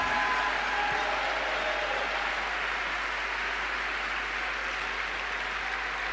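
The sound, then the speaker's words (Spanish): An audience bursts into sustained applause at the preacher's call for applause, a dense, steady wash of clapping hands that continues for several seconds without letting up. “¡Denle un aplauso!”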